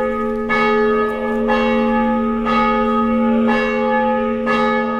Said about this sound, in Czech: Zvono hrama posvećenog prazniku rođenja Presvete Bogorodice u gradiću 20 km severno od Segedina pozivalo je svoje odane vernike iz mesta, a njegov odzvon čuo se i u pomoriškim naseljima, prvenstveno u Novom Svetom Ivanu, Segedinu